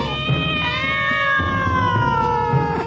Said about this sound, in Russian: Кошки, уворачиваясь от ударов, выскакивали из цветника и, наконец, скрылись в кустах.